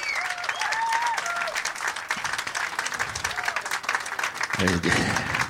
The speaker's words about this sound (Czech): Jako jestli budete takhle dlouho tleskat, tak přetečeme normálně, tyhle, to bylo úplně průšek.